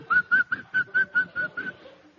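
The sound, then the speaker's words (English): A man whistles a quick run of about eight short, clear notes in a steady, even rhythm, growing slightly softer toward the end, with no talking. “I noticed a man whistling.”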